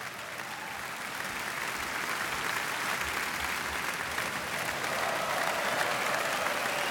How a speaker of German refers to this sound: Und das hat das Orchester auch heute Abend wieder getan unter seiner Leitung. Und dafür gibt es jetzt nochmal viel Applaus hier in Kiel.